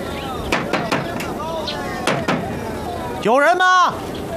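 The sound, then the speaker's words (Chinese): Sharp knocks on a wooden door early in the morning, a quick group of four followed by two more after a pause, then a person calls out loudly. “一大早的就过来敲打门户。”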